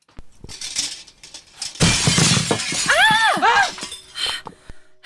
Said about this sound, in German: Was war das für ein Knall? Ja, mir ist nichts passiert, aber da war jemand am Fenster. Ich konnte nichts erkennen, aber jemand hat einen Stein durchs Fenster geworfen.